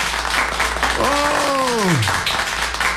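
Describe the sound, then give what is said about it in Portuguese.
Steady applause for people celebrating their birthdays, continuous for about three seconds, with a single voice letting out a long, falling-pitch cheer partway through. “Os aplausos para os aniversariantes.”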